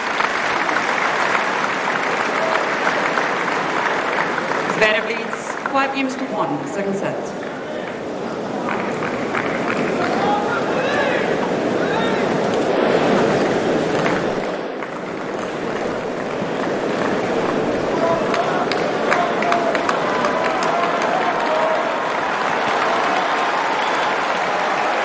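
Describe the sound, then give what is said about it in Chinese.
Spectators at a tennis match cheer on the player Fery: a steady wash of loud, dense applause and cheering, with scattered shouts rising above the sustained clapping and no speech standing out. “现场的观众也是在给费里加油鼓劲儿。”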